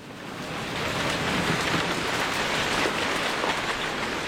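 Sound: heavy rain downpour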